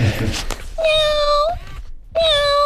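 A robotic toy cat gives two steady, electronic-sounding meows, the second cut short. Both are fairly loud, with soft handling noise just before the first.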